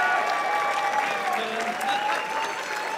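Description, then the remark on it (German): Steady, dense audience applause for the audience favourite fills the full three seconds at a constant loud level, many hands clapping at once with no pauses and no speech over it. “Ja, dicken Applaus bitte für den Publikumsliebling”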